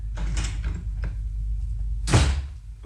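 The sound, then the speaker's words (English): A front door opens with a rattle of the latch and handle, then after a short pause swings shut with a firm thud as a man makes an abrupt exit. No one speaks. “Thought I heard the front door.”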